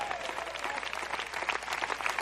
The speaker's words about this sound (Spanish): Den un fuerte aplauso al Señor en esta hora.